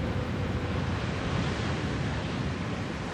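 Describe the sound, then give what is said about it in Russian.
A steady, full roar of ocean surf with no distinct breaking crashes, just continuous wash and rumble, moderately loud and unbroken throughout, with a hint of wind. “Океаны — это огромный резервуар соленой воды.”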